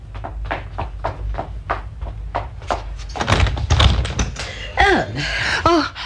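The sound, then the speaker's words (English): A steady run of footsteps as a woman goes down to answer the front door, evenly paced for a few seconds, followed by a louder burst of rattling and handling as the front door is unlatched and swings open with a brief creak. “I'll answer it. It's all right, Sally. I'm going down.”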